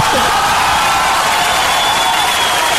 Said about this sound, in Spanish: ¡Aplauso!